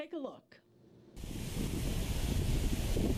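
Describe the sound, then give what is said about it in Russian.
A brief snatch of voice fades into quiet, then a loud, steady roar of sea waves washes in and continues, broad and hissing, with a windy edge, on a Mediterranean beach at Tel Aviv-Yafo, Israel, on a sunny day. “На Средиземном побережье Израиля раскинулись прекрасные пляжи.”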